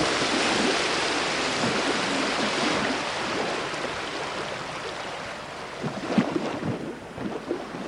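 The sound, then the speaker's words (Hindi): A steady wash of water and wind surrounds a boat moving across open water, with occasional louder splashes and knocks near the end; no one speaks. “तो आइए समुद्र की इन लहरों के साथ हम भी निकल पड़ते हैं एक नई यात्रा पर मुंबई के तट से हुगली नदी के किनारों तक”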